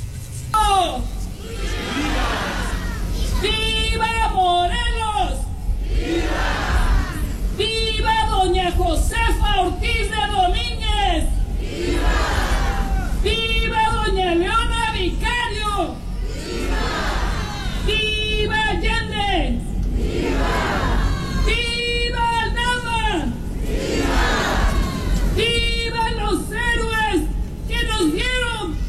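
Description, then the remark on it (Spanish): A large outdoor crowd in the Plaza de San Juan shouts back in unison, again and again, answering the consul's leading voice giving the Mexican independence cry on the 216th anniversary of Mexico's independence, every few seconds with loud, ringing cheers over a constant murmur of voices. “Ahí podemos ver, te voy a pasar la imagen, le voy a pedir a producción que nos ayude con el video de la cónsul dando precisamente el grito ese sábado aquí en la Plaza de San Juan.”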